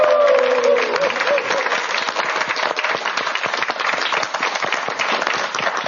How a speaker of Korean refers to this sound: 그럼 다시 한번 큰 박수 부탁드립니다.